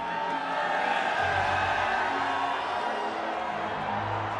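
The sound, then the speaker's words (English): A huge sellout crowd of some 44,000 Toronto FC fans at Toronto Stadium roars in a dense, steady wash of cheering and shouting voices during Toronto's home soccer match against Inter Miami, loud and unbroken throughout with no single voice standing out. “A cacophony of noise for Toronto's home match against Inter Miami, a team that includes Argentina's World Cup winner, Lionel Messi.”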